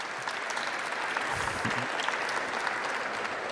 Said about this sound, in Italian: Alla mia sinistra Gabriele Fava, che è presidente dell'INPS. Chiedo un applauso uno alla volta, se lo meritano.